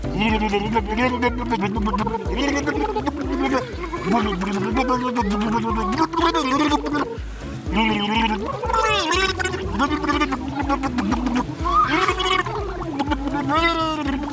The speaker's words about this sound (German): Und das braucht natürlich ein anständiges Wasser-Geburtstagsständchen. Und deshalb blubbern wir jetzt einmal zusammen. Happy Birthday.